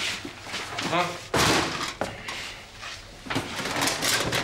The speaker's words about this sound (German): So, die Schublade lässt sich nicht öffnen.